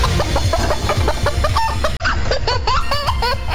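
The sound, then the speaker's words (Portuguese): A chicken clucks loudly in a rapid, continuous series of short, choppy clucks, over a dense, busy background, with a brief break midway. “Que frango, hein, Leidinalva?”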